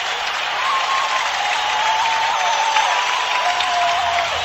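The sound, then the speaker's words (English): A hockey arena crowd roars and applauds after a Red Wings power-play goal by Greg Johnson ties the game 4-4 against the Sharks. The cheering is a loud, unbroken wall that holds steady for several seconds, with faint whistling tones threading through the noise and no one speaking. “Listen to this crowd.”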